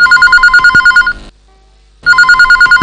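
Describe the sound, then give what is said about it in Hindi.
A telephone rings loudly in rapid electronic trills, two bursts separated by a brief silence, with no voices present: the first incoming listener call to a radio song-request programme, from Udaipur, Rajasthan. “और जब हमने आपका फोन रिसीव किया तो फिर आपने बताना शुरू किया अपने मन के, अपने शहर के हाल और पसंद के गीतों का सिलसिला शुरू होता है पहले फोन कॉल के साथ।”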